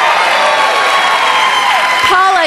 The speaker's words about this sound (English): A surprising number of fans of the radiation oncology nurse profession. Woo-hoo! That's actually the biggest clap I've ever seen for a single profession in the history of this show.